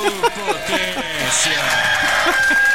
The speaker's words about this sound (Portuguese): O galo canta aqui